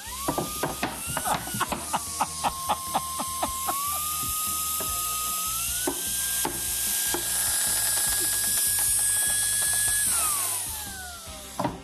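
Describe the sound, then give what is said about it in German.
A machine's motor whines steadily while a rapid series of sharp cracks and crunches sounds as it crushes a plastic bottle. The crackling thins out as the whine holds, then winds down. “So eine Flasche, da kannst du dich draufsetzen, die drückst du noch nicht mal mehr zusammen. Wie wollen wir die denn zerkleinern?”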